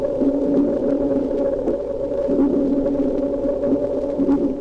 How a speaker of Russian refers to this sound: Вы слышите эхо, отражающееся от подводных предметов. Эхо и рассказывает животным, что происходит вокруг них. Еще лучше эхо будет слышно, если замедлить запись дельфинов в 64 раза.